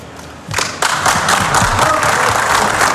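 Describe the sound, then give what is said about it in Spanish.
Applause from those present in the stadium press room as Scaloni breaks down in tears breaks out about half a second in and quickly swells into steady, dense clapping from many hands, loud and sustained with no voices over it. “Se rompe Scaloni, aplausos de los presentes en la sala de prensa del estadio.”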